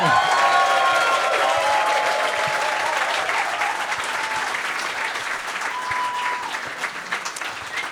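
Sustained audience applause, a dense wash of many hands clapping at steady volume for the whole stretch, with faint whistles or cheers rising above it and tapering slightly toward the end.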